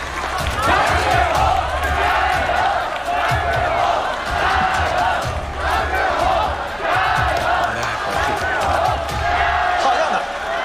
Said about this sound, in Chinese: 又顽强地走到了比赛台前，这种顽强拼搏的精神引起了全场观众的击节叫好。